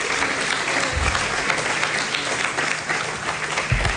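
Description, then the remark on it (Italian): Sustained applause from an audience for the director, a dense, steady wash of many hands clapping at once, fairly loud and even throughout with no voices standing out. “Mi fate un applauso per il direttore.”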